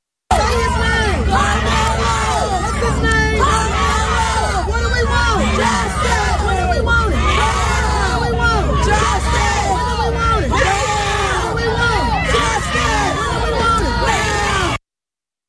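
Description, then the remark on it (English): A large protest crowd yells and shouts together, many voices overlapping in a loud, dense roar that keeps up steadily for about fifteen seconds, with occasional whoops rising above the din. “The people who yell loudest and most persistently about justice have zero clue what it is.”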